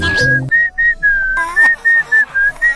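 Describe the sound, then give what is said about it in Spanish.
Someone whistles a quick, repeating run of short bright notes, imitating a phone ringtone, with a brief burst of background noise partway through. The whistling is clear, and nobody speaks. “La verdad es que, o sea, había muchos ringtones.”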